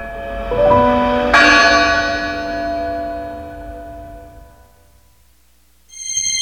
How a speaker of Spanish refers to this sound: silenciada durante 57 años, hasta que en el año 2000, el año del perdón para la Iglesia Católica, el cardenal Norberto Rivera finalmente le levantó el castigo a la campana, y esta pudo volver a hacer sonar su voz en los cielos de la Ciudad de México.